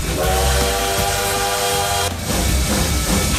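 A train's steam whistle blows a steady, harmonic tone for about two seconds over a rumbling, hissing rail noise, then cuts off while the loud chugging rumble continues.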